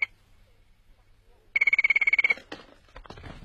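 After a stretch of near silence, a telephone bell rings in a quick, rattling burst of rapid strikes lasting under a second, followed by a brief clatter of handling noise.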